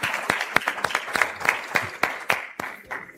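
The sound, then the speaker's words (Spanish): An audience applauds the Copa Paceña 2026 football tournament draw with dense, steady clapping, sharp individual claps standing out from a continuous crackle at a moderate level, thinning slightly toward the end. No one speaks. “Un aplauso para la Copa Paceña 2026.”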